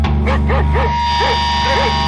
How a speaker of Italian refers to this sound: Un cane?